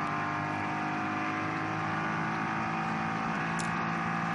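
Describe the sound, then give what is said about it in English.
The engine of the Komoda racing car holds a loud, steady, high-pitched drone with a layered whine running through it for several seconds as the car comes out of a slow zone, a lap or more down. No voices are heard. “Yeah, the Komoda racing car.”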